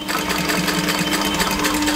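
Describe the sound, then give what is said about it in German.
A very old sewing machine in the basement of a workshop runs steadily as it stitches a doll's leg back onto its body, its needle clattering in a fast, even rhythm over a low motor hum, with no voices. “So klingt das, wenn Tanjas Puppenbein wieder angenäht wird an den Körper.”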